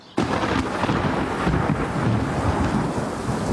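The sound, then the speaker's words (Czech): A sudden crack of thunder breaks into a loud, sustained rumble with heavy rain pouring steadily underneath on a field near Chomutov, enveloping, with no voices. “Nevím, tak kdyby třeba pršelo.”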